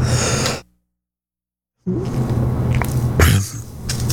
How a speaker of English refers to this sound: Excuse me, a little bit of coughing there.